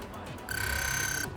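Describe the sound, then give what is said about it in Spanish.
A single sustained electronic alarm clock tone rings out for just under a second, loud and steady, starting and stopping abruptly over a faint low background murmur. “Comienza con tristeza ya lo oyen la operación retorno de las vacaciones, con un fin de semana para mentalizarse y prepararse para el despertador y la rutina.”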